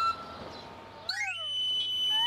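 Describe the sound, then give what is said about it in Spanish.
A street knife sharpener's (afilador) pan-pipe whistle, the call of a sharpener who came by bicycle with a sharpening stone mounted on it, plays a quick sliding run of shrill notes, then a held high tone, loud and alone after a brief stretch of muffled background noise. “Afilador. Ese era. Que venía con la bicicleta.”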